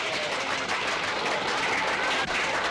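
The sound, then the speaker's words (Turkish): Sustained applause from a family, dense and steady for the whole stretch, fairly loud, with no voices rising above the clapping. “Siz beni değil, ben sizi alkışlamalıyım.”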